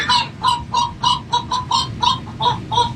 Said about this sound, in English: Seagulls want french fries, but they want a little something else, too.